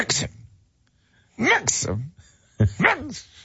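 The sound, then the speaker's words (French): A person imitates someone snoring on a massage table during a couples massage, with three rough, nasal snorting bursts, one short and two longer, the pitch sweeping up and down, separated by brief silences. “Tu ronfles!”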